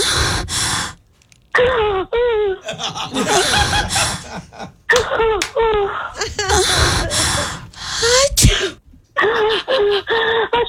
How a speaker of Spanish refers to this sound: Y otro, y ahí mismo como que alguien estornudó. Identificó muy bien el sonido, porque en sí ese sonido fue con catarro.